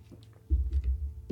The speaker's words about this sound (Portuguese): Vamos tomar um pouquinho de água aqui